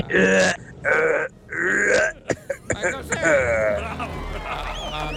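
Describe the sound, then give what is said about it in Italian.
Three loud, phlegmy throat-clearing grunts in quick succession, followed by a few sharp clicks and rougher guttural vocal noises that trail off. “Ma che roba brutta, c'è bisogno del mucolitico qua. Sembrava il singhiozzo di un elefante.”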